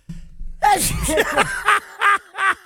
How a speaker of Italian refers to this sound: Ma come mai starnutisco? Perché stai parlando alle donne e ti pensano.